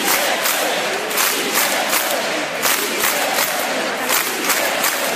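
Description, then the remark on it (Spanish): A large crowd filling the Plaza de la Virgen chants the slogan «Sí se puede» together in a loud, steady rhythm, voices rising in repeated bursts about twice a second, with a roar of cheering underneath. “Tras el programa, la Plaza de la Virgen se volvió a llenar al grito de «Sí se puede», con todas las sombras del caso expuestas en prime time.”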